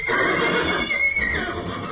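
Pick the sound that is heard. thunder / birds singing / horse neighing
horse neighing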